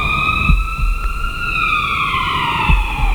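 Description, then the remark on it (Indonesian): A loud ambulance siren wails at the scene of an accident, its steady tone sliding slowly downward, with a low rumbling background and a few dull thumps underneath. “Buruan panggil ambulan, panggil ambulan.”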